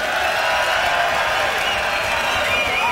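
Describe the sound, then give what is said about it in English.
A concert crowd screams and cheers as the band's guitarist is introduced, a steady, dense roar with high whoops and shrieks rising above the sustained noise for the whole three seconds. “Y'all give him a scream.”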